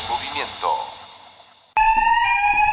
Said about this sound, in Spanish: ¿Un sistema de alarma para cuidar tu sorgo?